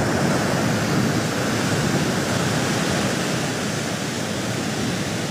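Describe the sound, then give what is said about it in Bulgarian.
Sea waves wash onto Kabakum beach in Bulgaria on a sunny day in a steady, dense roar of surf. The hiss holds constant and fairly loud throughout, without distinct breaking crests, and no voices are heard. “Слънчевият ден на плаж Кабакум започва с сигнал за необичаен обект, изплувал от морето.”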